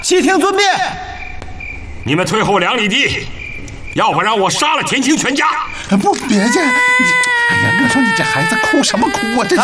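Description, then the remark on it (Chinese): A child cries loudly in drawn-out, wavering wails with brief pauses between them, while adult voices speak over the crying. “不，别介，哎呀，你说你这孩子哭什么哭啊？”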